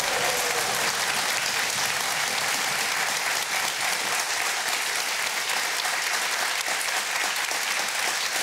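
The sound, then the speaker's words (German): A large crowd applauds steadily after a 1.4 million euro bingo jackpot is announced, a dense wash of clapping that stays loud and even for several seconds with no voices breaking through. “Ich lasse den mal zu Ende klatschen, weil es so gut tut.”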